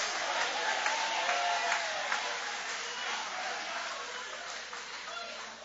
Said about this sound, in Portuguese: Levanta a mão e aplaude, levanta a mão e glorifica.